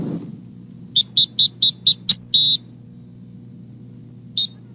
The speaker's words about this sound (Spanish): Si estás en las playas de Acapulco y escuchas este silbato, ponte alerta, es un aviso de los guardavidas.